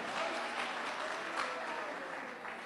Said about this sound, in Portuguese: Mais forte as palmas para Jesus, irmãos. Mais forte as palmas para Jesus.